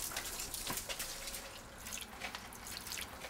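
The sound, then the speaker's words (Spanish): Water runs steadily from a garden hose, forming a stream down the sidewalk toward the alley, a soft continuous hiss with faint splashing and dripping flecks on top. No one speaks, and the sound stays fairly quiet throughout. “Usaremos la manguera para formar una corriente.”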